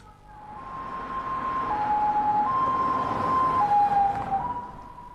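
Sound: ambulance siren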